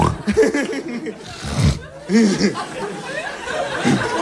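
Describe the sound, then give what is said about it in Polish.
A voice imitates a pig, making a string of squeals and throaty grunts in short uneven bursts, fairly loud, with a noisy background throughout. “Ale bo ta świnia mi książkę zgryzła, wszystko podziurawione w ślinie”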